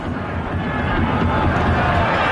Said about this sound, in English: And for the corner, you can hear the crowd responding to Saba Lubjanice, the goal scorer here who made a great run and has forced another corner kick.